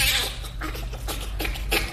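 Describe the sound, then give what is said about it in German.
A bonobo laughs in a quick series of breathy, panting bursts, half a dozen or so in steady rhythm, fairly loud with no one talking over it. “Und das Lachen vom Bonobo.”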